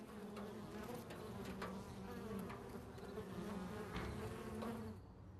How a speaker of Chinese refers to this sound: 在这上万亩向日葵田中忙碌的，除了蜜蜂